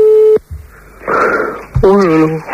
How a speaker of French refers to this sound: À moins qu'ils aient décroché le téléphone, hein, ce qui veut dire que, enfin, s'ils décrochent la prise, ça sonne, hein, mais dans le vide.